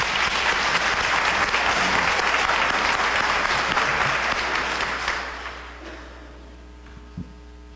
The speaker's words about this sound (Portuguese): Mais uma vez, nós vamos agradecê-lo com uma calorosa salva de palmas.